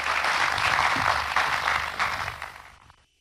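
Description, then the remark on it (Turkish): At the opening ceremony of the 2026-2027 school year in Turkey, a crowd applauds as Minister of National Education Yusuf Tekin is invited to the stage to present gifts. A dense, steady wash of clapping holds for a few seconds, then tapers off and fades out quickly at the end. “Şimdi gün anısına hediyelerini takdim etmek üzere bir kez daha Milli Eğitim Bakanımız Sayın Yusuf Tekin'i alkışlarımızla sahneye davet ediyoruz.”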